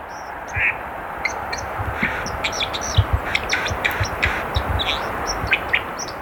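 A white-throated dipper sings a rapid, scratchy warble of high chirps and trills by the water, over a constant rushing wash of flowing water.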